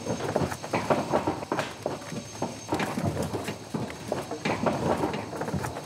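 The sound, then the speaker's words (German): Heavy hooves clatter irregularly on a hollow surface as a second cow, being taken to the slaughterhouse on Easter Saturday, clambers up a ramp with a steady series of loud knocks and scrapes. “Dann schickt Stefan eine zweite Kuh ins Rennen. Geh mal rauf da. Los! Hinterher!”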